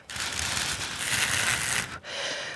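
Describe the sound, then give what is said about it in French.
Thin paper strips blown to mimic wind make a steady, breathy flutter with a papery rattle, breaking off briefly before a softer second gust. “par exemple, découvrir les languettes qui sont toutes fines pour faire le bruit du vent.”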